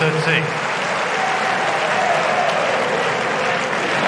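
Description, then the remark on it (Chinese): A large home crowd applauds steadily in a tennis stadium after Sinner wins a point with a crosscourt drop shot, a dense, sustained wash of clapping with some cheering that stays loud throughout. “这个短球的制胜分啊，也引爆了现场观众的热情。”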